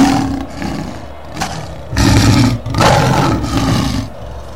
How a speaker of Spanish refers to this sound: déjeme escuchar de la fanfarria, déjeme escuchar el rugido del león, porque sale Independiente Santa Fe y sale el Once Caldas de Manizales, no, de Jim Perdaza.